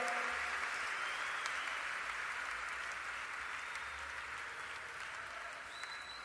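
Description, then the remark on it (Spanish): An audience claps hands in a dense, steady wash of applause that holds at a fairly even loudness throughout, with no single claps standing out and no clear voices on top. “Con las palmas, con las palmas.”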